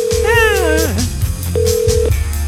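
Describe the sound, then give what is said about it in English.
A phone call to a mother rings out through a speaker: two steady electronic ring tones separated by a short pause, with a voice briefly murmuring over the first ring. “Let's call her and stir that up.”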